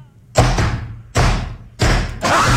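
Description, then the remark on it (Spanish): Heavy knocks on a door: three or four loud, booming thuds spaced about half a second to a second apart, each ringing out briefly before the next. “Un, dos, tres y tocado la puerta.”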